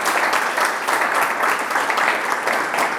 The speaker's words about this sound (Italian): E invece adesso devo dire che sei veramente esplosa nel senso positivo del termine, quindi ti faccio un applauso veramente.